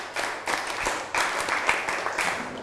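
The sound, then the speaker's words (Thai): A group of children clap their hands together on a teacher's cue in a rhythmic pattern, clapping once, twice, then a set: a series of sharp, crisp unison claps with slightly ragged edges, fairly loud and with no talking over them. “ถ้าพร้อมแล้วหันหน้ามาทางครูครับปรบมือ1ครั้งปรบมือ2ครั้งปรบมือ1ชุด”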